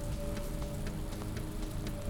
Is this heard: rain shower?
yes